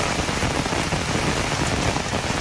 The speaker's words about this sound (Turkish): Ordu'nun Fatsa ilçesinde de sağanak etkiliydi. Cadde ve sokaklarda su birikintileri oluştu.